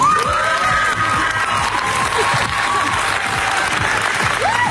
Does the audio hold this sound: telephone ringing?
no